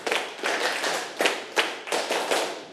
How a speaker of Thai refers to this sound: ถ้าพร้อมแล้วปรบมือ1ครั้งปรบมือ5ครั้งปรบมือ10ครั้ง